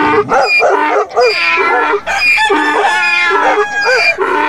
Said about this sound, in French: L'âne braillant, le chien aboyant, le chat miaulant et le coq chantant. Les brigands, entendant ces bruits, prirent peur.